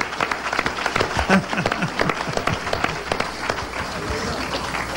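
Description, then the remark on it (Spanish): An audience applauds for Jesus with dense, steady clapping that holds for several seconds, with a brief voice calling out early and the clapping thinning slightly toward the end. “Denle un aplauso a Jesús, oh gloria a Dios.”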